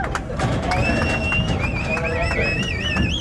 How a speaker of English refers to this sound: Then the moment they had been waiting more than a year for, cowboys herded cattle from Mexico to the U.S. side and into corrals.